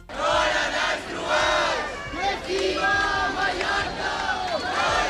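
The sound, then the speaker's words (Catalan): A large crowd of thousands of protesters in central Palma, Mallorca, chants and shouts together on a Sunday evening against mass tourism under the slogan 'Mallorca al límit', many voices rising and falling in unison with a steady, forceful cadence throughout. “Milers de persones s'han manifestat aquest diumenge hora baixa al centre de Palma contra la massificació turística i sota el lema Mallorca al límit.”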